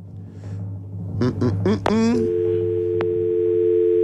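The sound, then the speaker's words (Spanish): A few short voiced sounds give way to a steady, continuous telephone dial tone that holds unbroken for the last two seconds over a low background hum, as a phone call is placed to a person picked by number in a draw. “Voy a mandar el teléfono.”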